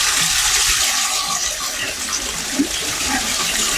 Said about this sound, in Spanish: Toda esta agua, Víctor, que se escucha es bastante. Netamente del brote que sale a flote. Y es solamente lo que se escucha, Víctor, es solamente de ese punto. No hay agua lluvia en este caso, para que asociarlo también a eso.